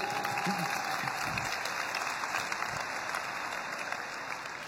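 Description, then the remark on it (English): An audience breaks into sustained applause with some cheering, a dense wash of clapping that stays steady and fairly loud throughout. “Now you can cheer. Ahora sí pueden aplaudir.”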